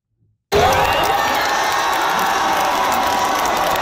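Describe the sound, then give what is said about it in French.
A large crowd at the FIFA Fan Festival in Vancouver erupts into loud, sustained cheering and shouting after a brief silence, celebrating France's World Cup victory, a dense roar of many voices with whoops filling the space. “Au FIFA Fan Festival de Vancouver, la foule était en liesse après la victoire de la France.”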